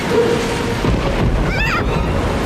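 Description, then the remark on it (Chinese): A steady, loud roar of a storm at sea with low rumbling thunder and rushing wind, with a brief wavering whistle of gusting wind partway through. No one speaks. “也许这小暴风雨一点儿也不小，我们找个地方躲一躲。”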